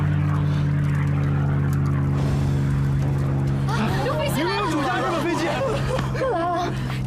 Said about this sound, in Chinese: 快看，是我们的飞机。